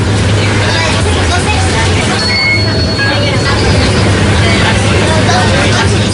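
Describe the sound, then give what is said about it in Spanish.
Riding inside a city bus in Barcelona: a steady, loud engine rumble fills the cabin, with brief high whines and indistinct passenger chatter murmuring in the background throughout. “Trayecto en autobús urbano por Barcelona.”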